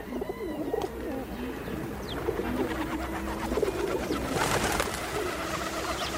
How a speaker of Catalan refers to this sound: Colom roquer. Colomba líbia. Au habitual en camp obert durant tot l'any.